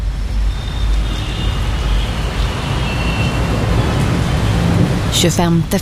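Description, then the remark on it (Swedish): Steady rain hisses over a low, rumbling city backdrop on Manhattan streets on a gray Sunday afternoon, February 25, 2001, a dense wash of noise like wet streets with traffic. A voice briefly breaks in at the very end. “Det är en grå söndags eftermiddag och Manhattans gator blinker av regn.”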